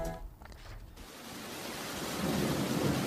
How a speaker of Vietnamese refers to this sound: Do ảnh hưởng của bão số 4, mưa xuất hiện trên diện rộng tại Quảng Ninh. Lượng mưa đo được tại Quảng Hà là 235mm, Móng Cái 119mm, Bình Liêu 109mm, Đoan Tỉnh 160,6mm và đảo Trần là 149,8mm.